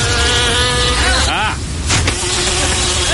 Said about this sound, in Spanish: No entró una mosca al estudio, ese es el audio del trailer.